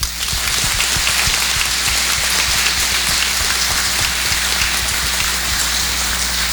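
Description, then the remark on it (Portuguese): Steady, dense applause from a crowd welcoming confirmation candidates at a Catholic archdiocese service, a continuous crackle of many hands clapping at an even loudness throughout, with no voices over it. “Por isso, vamos saudá-los, acolhê-los com uma forte salva de palmas.”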